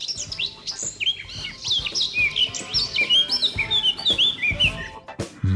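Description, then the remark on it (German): Eurasian blackcap song: a lively, continuous run of clear, fluting whistles and quick warbling phrases, fairly loud, with soft background rustle and no talking. “Platz 3, die Mönchsgrasmücke.”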